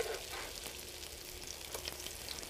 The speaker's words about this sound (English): So the idea is let these kind of cook off. They come up pretty fast, right? I am in a 350-degree frying pan. I like using this frying pan. Can I do my ode to the electric frying pan again?